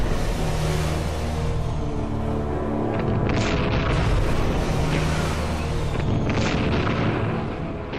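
Several heavy, muffled explosions from four submarine torpedoes strike a 72,000-ton Japanese aircraft carrier near Tokyo Bay and sink it. They boom over a continuous loud, low rumble, with a few sharper blasts in the second half and no voices.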